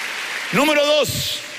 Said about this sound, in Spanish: ¿Alguien dice amén? Dele palmas al Señor.